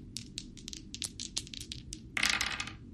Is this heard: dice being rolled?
yes